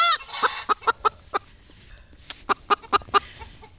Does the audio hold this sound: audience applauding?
no